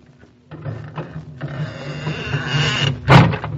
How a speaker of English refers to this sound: And we opened the squeaky door.